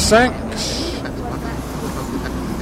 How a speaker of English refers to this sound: The old bus. Will I try and cross the road? Oh my god. Here we go. See? Traffic. Traffic. Traffic. Traffic.